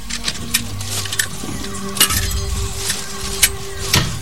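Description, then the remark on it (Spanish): A driver loads a car jack and wheel into the back of a van: a handful of sharp metallic clinks and clunks at irregular intervals over a steady low rumble. “El chofer mete la rueda y el gato en la parte trasera del vehículo.”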